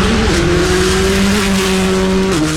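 A loud rally car engine roars steadily during a rally, its throaty drone shifting pitch slightly as it revs, continuous for a couple of seconds with no talking.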